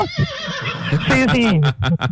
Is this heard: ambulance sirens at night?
no